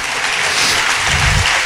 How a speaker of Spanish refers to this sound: Dele ese aplauso al amor de mi vida, a Jesús.